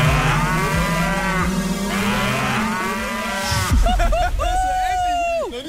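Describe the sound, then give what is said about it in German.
Several cows moo loudly, their long, droning calls overlapping one after another across an open pasture, with a couple of higher, drawn-out bellows near the end. “Leute, unsere Kuh Maya hat gerade vor 10 Sekunden gekackt auf die Weide vor uns.”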